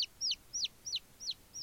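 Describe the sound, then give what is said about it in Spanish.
A chick peeps repeatedly: six quick, high, downward-sliding cheeps spaced evenly and clear, with no voices and only a faint hush of background noise. “Esta es la historia de un pollito que se llama Pepo.”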